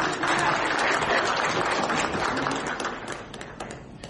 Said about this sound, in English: Please, sir. A big round of applause.